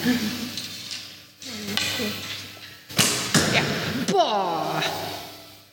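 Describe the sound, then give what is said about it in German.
An arrow, 75 cm long with white and pink feathers, is released from a bow on a field and strikes the yellow centre of a blue, red and yellow target with a sharp thud, followed by another quick impact. Voices and an excited vocal exclamation are heard around the shots. “trifft mit dem Pfeil, der ist übrigens 75 cm und hat weiße und pinke Federn, direkt ins Gelbe.”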